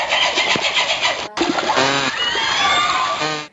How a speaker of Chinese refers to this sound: 接下来呢，再让我们感受一下虎鲸的脉冲声是什么样子的。